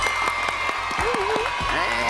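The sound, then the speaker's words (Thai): A crowd applauds team Mega Dinan as it receives a certificate from the Safe and Creative Media Development Fund: a dense, even patter of many hands clapping at constant volume, with a voice or two calling out over it partway through. “ทีมเมกาดีนานนะครับได้รับไปเลยนะครับเกียรติบัตรจากกองทุนนะครับพัฒนาสื่อปลอดภัยและสร้างสรรค์นี่เลยครับขอเสียงปรบมือ”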